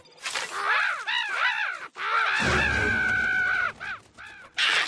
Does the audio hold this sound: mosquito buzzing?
no